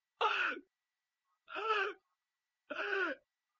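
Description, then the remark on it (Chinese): A storyteller's voice acts out three heavy, labored gasping breaths of the emperor Zhu Yuanzhang lying in bed in the Wanshou Palace, each about half a second long and evenly spaced, loud, with silence between them. “到了7月23这天，他们就在万寿宫围在朱元璋的床前，一看呢，朱元璋是大口喘气儿。”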